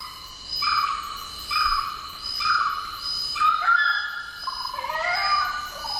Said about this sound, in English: It is the orange-footed scrub fowl